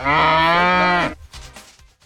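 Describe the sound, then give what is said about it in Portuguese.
A single loud, drawn-out moo of an ox lasting about a second, resonant, then fading into quieter background murmur. “o Denis tá chegando, você tá pondo um boi aí”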